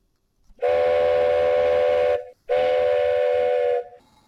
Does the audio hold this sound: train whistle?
yes